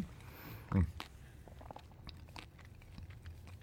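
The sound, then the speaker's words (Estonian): Someone bites into crusty hemp seed bread with a loud, sharp crunch, followed by softer, irregular chewing crackles, while low speech murmurs underneath. “Ma isegi kuulen läbi kõrvaklappide, et sul krõbiseb see hamba.”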